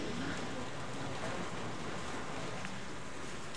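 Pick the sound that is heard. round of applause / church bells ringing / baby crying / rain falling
rain falling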